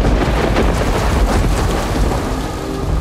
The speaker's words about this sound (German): Die ersten Blitze zuckten und ein eisiger Wind fegte über das Plateau.